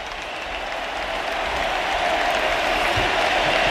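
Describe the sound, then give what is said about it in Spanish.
A stadium crowd roars in a sustained ovation for Leo Messi as he leaves the pitch during an Argentina football match, a dense wash of cheering and clapping that holds steady and swells slightly louder toward the end. “Y vamos a escuchar ahora a la Rojeid Stadium como ovación a Leo Messi.”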